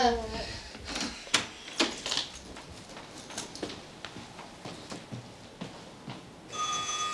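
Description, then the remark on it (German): A run of sharp clattering knocks and rustles, then a steady, bright electric doorbell tone rings out for under a second at the end, louder than what came before; the bell is rung to see whether an aunt is still at home. “Geh mal rüber und klingel, ob Tante Lee noch da ist.”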